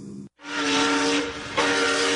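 A steam train's whistle blows loud, a sustained tonal shriek over a broad rushing hiss of steam, briefly cutting out after a short opening burst, then continuing strongly with no voices.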